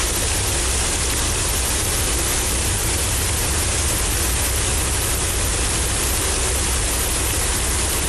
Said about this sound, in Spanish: Romero Vargas se convirtió en un verdadero río, arrastrando a su paso una gran cantidad de basura, recipientes de plástico y hasta piedras. El agua cubrió ambos sentidos de la acera, imposibilitando el libre tránsito de los automotores y peatones.